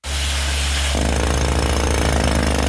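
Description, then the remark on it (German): Loud, continuous drilling into the rock and retaining wall below the terrace of the Restaurant Trois Rois in Fribourg's lower town, where a man sets the drill at a precisely defined point; a steady hammering percussive roar intensifies after the first second and keeps pounding rapidly throughout, with no talking. “An der Stützmauer und am Felsen unterhalb der Terrasse vom Restaurant Trois Rois wird gebohrt.”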